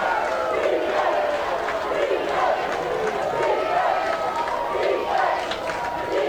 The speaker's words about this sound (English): The fans are yelling defense.